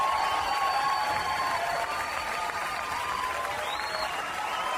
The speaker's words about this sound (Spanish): Pido el fuerte aplauso para inaugurar este mes, primero de julio del 2026. Fuerte los aplausos para todos los que lo logramos en este séptimo mes.